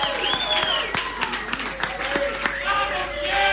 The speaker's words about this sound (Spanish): Pido un aplauso muy fuerte